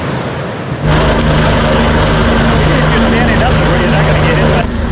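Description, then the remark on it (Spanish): A rescue helicopter flies in Grand Canyon National Park, rescuing people trapped by flash floods; its loud, steady engine whine and rotor roar cut in abruptly after a moment of quiet and hold continuously until the end. “Tres días sin descanso para los guardaparques del Gran Cañón, rescatando con helicópteros a los que quedaron atrapados por inundaciones repentinas, flujos de lodo y desprendimientos de rocas que han arrasado partes del corazón del Parque Nacional”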